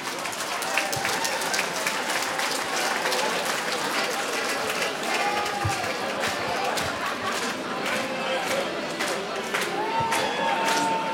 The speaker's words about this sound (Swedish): En stor applåd